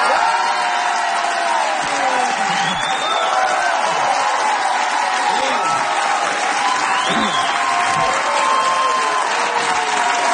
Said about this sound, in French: Vous pensiez pas vous faire applaudir comme ça, hein?